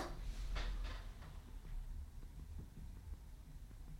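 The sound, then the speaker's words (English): A door is opened: a low thud and a couple of quick rattling clicks near the start, followed by faint creaks and small knocks fading into a quiet room hum. “Here, I'll even open the door for you.”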